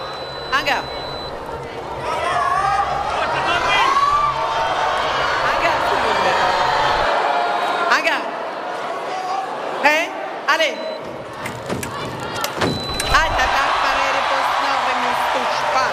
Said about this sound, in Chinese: 现在中国香港队每得一分啊，现场都是排山倒海般的欢呼声。